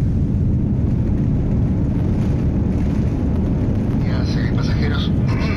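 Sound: airplane engine noise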